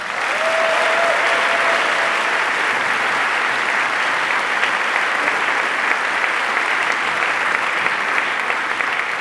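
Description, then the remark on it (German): Sustained audience applause at the Volksbühne in Berlin as the choir Chor Morgenrot appears on stage, a dense and steady wash of clapping from many hands at a loud, even level throughout, with no speech over it. “Ein Applaus bitte.”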